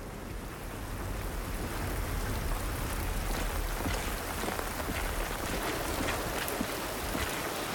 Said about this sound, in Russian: Сумрак. Льет сильный дождь.